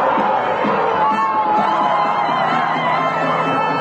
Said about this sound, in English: They were cheering in Madrid as Spain defeated Argentina after extra time in a tense final, giving Spain its second World Cup crown.